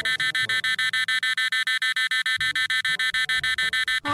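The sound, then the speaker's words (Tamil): A loud electronic alarm clock, left set from the day before, rings at 5 o'clock in a rapid, steady series of bright high-pitched beeps, with faint low rumbling and movement underneath and no talking. “என்ன அலாரம் அடிக்கிறது? அதற்குள் மணி 6 ஆகிவிட்டதா?”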